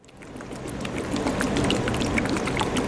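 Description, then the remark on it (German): A laboratory shaker the size of a tabletop printer, at a university in Landau, Germany, with a square base and a rapidly circling metal basket holding filled plastic tubes, gives a steady, trickling, sloshing water sound with small drips and splashes, continuous, with no voices. “Was wie träufelndes Wasser klingt, ist das Geräusch eines Shakers, einer Schüttelmaschine von der Größe eines Tischdrückers.”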